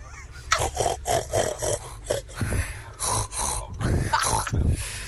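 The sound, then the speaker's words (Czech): Voices imitate a pig on the way to school, making a rapid string of rough, nasal grunts and snorts in uneven bursts that continue for several seconds, fairly loud and without any speech. “A my vám dneska zachrochtáme po cestě do školy.”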